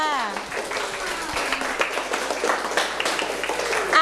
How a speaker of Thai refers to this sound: Okay, good. เอาปรบมือเพื่อนค่ะ